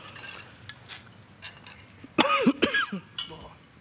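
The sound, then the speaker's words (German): A short, rough cough and throat clearing from a frog in the throat while making a chickpea salad, a few harsh bursts in quick succession, with faint clinks of dishes and cutlery around it. “Frosch im Hals.”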